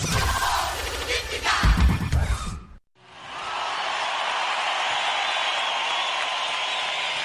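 Fans applauding: a busy burst of crowd noise cuts off briefly, then a dense, steady wash of clapping holds at an even level until the end.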